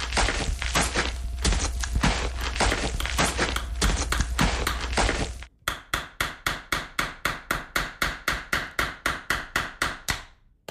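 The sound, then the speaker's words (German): Rapid, steady hammer blows ring out in an even rhythm at a construction site, preceded by a stretch of dense, clattering construction noise with a low rumble underneath. No voices. “Frag mal den Herrn hier an der Baustelle.”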